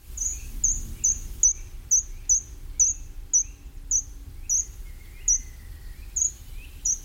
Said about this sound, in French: Si vous allez dans les bois, vous entendrez le grimpereau des jardins, avec ce petit chant très ténu et ce petit oiseau qui monte en spirale le long des troncs d'arbres.